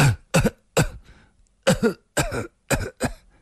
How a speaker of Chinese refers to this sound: 那酒鬼已抽出了信，只瞧着两眼，苍白的脸上又泛起了一阵异样的红晕，弯下腰去不停地咳嗽起来。